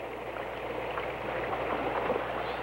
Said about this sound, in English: It was just as tough as we had thought. But the rapid flow of the water and the depth of the stream made it extremely hazardous.